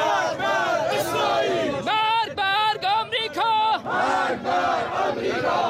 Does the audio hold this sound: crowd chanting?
yes